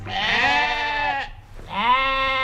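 Two long, wavering sheep bleats follow each other with a brief pause between them, loud, with no talking around them. The sheep graze for nature conservation on the juniper heath near Berkatal-Frankershausen, by the Hoher Meißner in Hesse, Germany.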